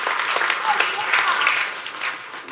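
A crowd applauds steadily, with dense, overlapping hand claps forming a loud, sustained crackling wash that holds for the whole stretch without a break.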